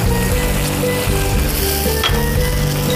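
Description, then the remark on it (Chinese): Loud, continuous sizzling as wine is splashed into a hot wok as the final step of cooking spicy chili chicken (la zi ji), a dense crackling hiss over a low steady hum, running the whole three seconds without any talking. “然后最后来酒”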